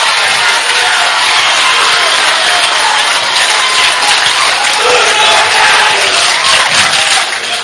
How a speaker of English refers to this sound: Each crowd applauding that effort.